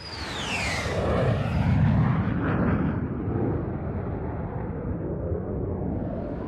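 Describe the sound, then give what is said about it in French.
A jet airplane roars past overhead, its high whine sweeping downward as it passes, leaving a loud, steady rumble that slowly fades. “Donc on reprend l'avion, on remonte vers le nord.”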